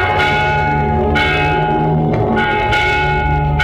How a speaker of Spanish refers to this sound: ¿Oís? Es la campana que llama a coro para el rezo de Maitines. Hemos llegado muy a tiempo.